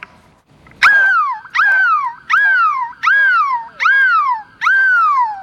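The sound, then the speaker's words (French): A person's voice imitates a seagull, letting out six loud, shrill cries in a steady rhythm, each starting high and sliding downward, with brief pauses between them, on Place de la République in Lille at the Énergie bus, billed as the world's biggest seagull cry. “Et aujourd'hui, le plus grand cri de mouette au monde va vous réveiller.”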